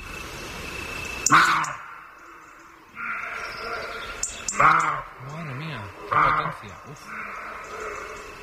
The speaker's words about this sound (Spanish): Las hoces del Duratón. Ahí de noche, pues en el Riaza, que se acerca de noche, un corzo está ladrando y ladra dentro de una enorme caja de resonancia. Vimos al corzo tres veces. Aquí, cuando viene rebotado a la pared y cuando vuelve a rebotar.